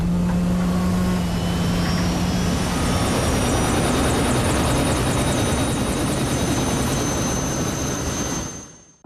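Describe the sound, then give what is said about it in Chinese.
A helicopter, boarded to evacuate crew from an offshore energy platform to shore ahead of a typhoon, roars steadily. Its rotor and engine noise is loud and continuous for several seconds before cutting off abruptly at the end. No one speaks. “好，那就按条例办，上直升机。”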